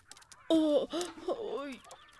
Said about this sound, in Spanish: ¡Largo, gallinas! ¡Largo! ¡Fuera!